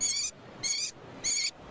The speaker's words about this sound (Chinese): 这是城市中圈养的画眉鸟的求偶声。